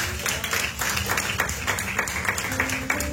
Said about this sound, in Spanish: Den una ofrenda de palmas al Señor, iglesia.